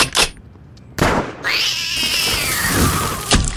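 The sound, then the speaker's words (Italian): A single drawn-out, high meow from a kitten that has climbed an oak tree in a garden and won't come down; it rises and slowly falls, plaintive, framed by a couple of brief rustling thumps before and after. “Un gattino ci si è arrampicato e non vuole scendere.”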